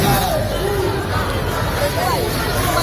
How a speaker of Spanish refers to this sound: Y este sonido de hace unos minutos en la Puerta del Sol, donde seguimos atentos a los enfrentamientos que durante todo el día se están produciendo entre grupos ultra, así que de momento ya dejan 2 detenidos y 1 policía herido.